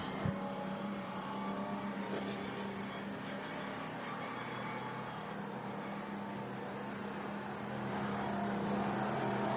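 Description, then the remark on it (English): The engine of the number 71 Audi race car runs loud after a push start during the penultimate hour of a race, holding a steady, throaty idle with a low humming drone and slight swells, and no one speaks. “he's looking for them to get onto the back of this car to just give him a push start and restart the engine.”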